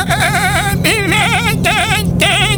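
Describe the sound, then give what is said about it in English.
A person voices high, wavering bleats imitating a baby goat, three quavering cries in quick succession with brief breaks between, loud. “Billy goat sounds a little grown. Can you make it sound like a baby? It's got to be a little higher.”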